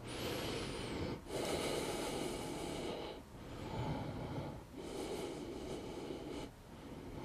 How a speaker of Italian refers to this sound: Una volta che ho finito le 10 ripetizioni, rilasso agganciando prima un ginocchio e poi l'altro. E sono fermo per 10 respirazioni, mi ascolto.